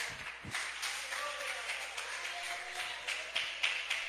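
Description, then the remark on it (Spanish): An audience, asked by the preacher to applaud for Jesus, breaks into steady, dense applause, a broad hiss of many hands clapping at once that swells slightly toward the end, with faint voices mixed underneath. “Déselo a Jesús ese aplauso, por favor.”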